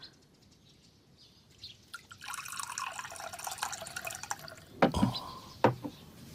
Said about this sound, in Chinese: 爹，您渴了吧？孩儿给您倒水喝。